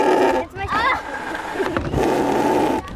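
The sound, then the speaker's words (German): A bellows-driven mechanical voice machine, an accordion-like device pushed open and shut by hand and meant to model a lung, mouth and lips, drones with a loud, buzzy, reedy tone, briefly breaking off, then warbling through vowel-like pitch bends before settling into a steady, raspy hum, a little like a fart. “Dafür schieben sie eine Art Ziehharmonika auf und zu. Diese eine Maschine, da muss man so drücken.”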